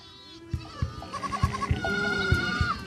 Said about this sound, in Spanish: Tenemos 30 cabras. No tenemos mucho. Cuando mi marido trabaja, mis hijos y yo nos encargamos del pastoreo de las cabras.